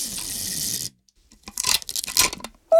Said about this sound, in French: Maintenant, Toudou prend le scotch pour coller les murs de la maison ensemble. Il déroule un grand bout de scotch. Il en déroule un autre. Et puis encore un autre.